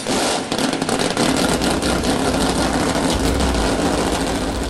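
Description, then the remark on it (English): Several loud engines start and roar together, a dense continuous rumble with rising revs and a deep low growl throughout, with no voices. “God bless America, and gentlemen, start your engines.”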